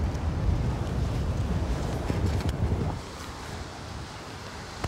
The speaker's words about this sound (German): Nur lass das mal richtig Wind sein, so wie heute. Und dann vielleicht noch gerade so 0 Grad und Regen und alles drum und dran.